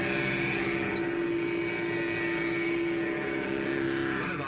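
A Mattel Baroom hot rodder toy engine on a trike, started with its own key, drones loudly, a steady buzzing motor hum like a real engine that holds its pitch with slight wavering toward the end, with no voices over it.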